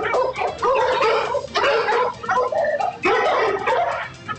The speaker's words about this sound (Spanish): Le están ladrando los perros empiezan a ladrarle a este sujeto. Vamos a escuchar cómo le ladran.